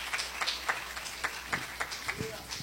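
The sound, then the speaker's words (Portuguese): A church audience claps for Jesus in a steady rhythm, sharp hand claps landing about four times a second, fairly soft overall, with a faint voice rising briefly near the end. “Pode sentar, meus irmãos, glorifique a Deus com glória, com aleluia, bem forte as palmas para Jesus.”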